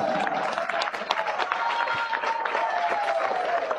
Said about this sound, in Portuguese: Louvemos ao Senhor, louvemos ao Todo-Poderoso. Aplauso forte para Jesus.